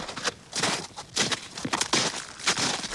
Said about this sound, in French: Il marche sur les feuilles. Il marche dans les feuilles.